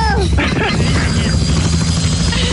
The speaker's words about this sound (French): Allez, on fait un tour d'hélico.